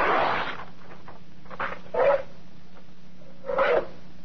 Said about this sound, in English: To prove the point, I'll cut up some brown wrapping paper.